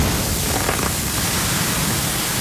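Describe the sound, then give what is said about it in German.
Food sizzling on a grill, played between two songs on the radio station Gong 97.1 as a contest signal: a steady, dense hiss with fine crackles and pops running throughout, fairly loud and even, with no voices. “Irgendwann im Gong-Programm wird es zwischen zwei Songs brutzeln.”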